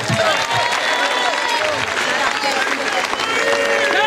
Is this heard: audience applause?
yes